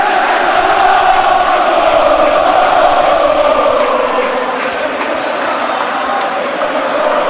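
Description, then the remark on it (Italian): A stadium crowd at the Bonoli shouts and roars during a Teramo versus Giulianova football match, in a dense, steady wall of noise that stays loud for the whole stretch, with no single voice standing out and no speech over it. “Le urla del Bonoli.”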